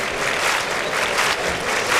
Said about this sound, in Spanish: Las palmas choqueras.